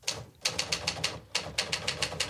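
A typewriter clacks away in quick, evenly spaced keystrokes, two bursts of about a dozen strikes separated by a brief pause, clear with no voices.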